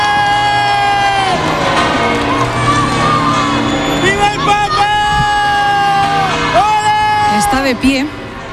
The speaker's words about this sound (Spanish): En estos momentos está saliendo el Papa móvil del Palacio Real, con lo cual los oyentes van a escuchar enseguida. Ahí está la algarabía de la gente. Saluda el Papa.